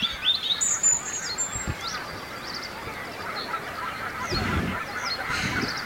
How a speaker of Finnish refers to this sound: No, kyllä siellä on hanhi poikineen varmasti äänen perusteella. Joo, tuolla ihan matalalla. Kyllä nyt kiikarillakin erottuu nippanat. Siis ihan veden pinnassa, kun ne menee.